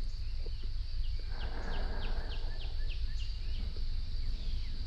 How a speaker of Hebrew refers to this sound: נשים לנו קצת ציוצים של ציפורים